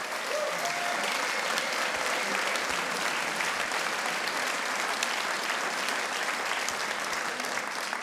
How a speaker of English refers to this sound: And the other member of the band is Mr. …. He's behind you at the sound desk. So big applause to ….